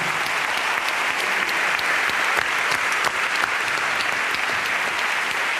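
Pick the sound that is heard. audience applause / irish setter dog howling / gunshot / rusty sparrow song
audience applause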